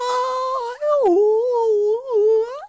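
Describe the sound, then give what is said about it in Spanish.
A voice imitates a shrill, high-pitched squeal, holding one loud, continuous wavering note for under three seconds with a brief dip and slide partway through. No words are spoken. “Ellos me escuchan con unos agudos así, les voy a hacer.”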